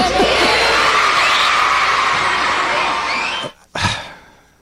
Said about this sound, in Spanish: Six seven, gritan los niños felices.